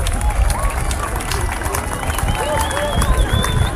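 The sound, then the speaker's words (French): A large outdoor crowd on the coast applauds the sun during a solar eclipse at 20:27, clapping steadily with cheers and overlapping chatter throughout, while a few high whistling calls rise above the noise; gulls join in. “On applaudit le soleil quand même, c'est magique.”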